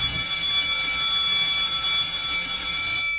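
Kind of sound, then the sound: signal or alarm, bell ringing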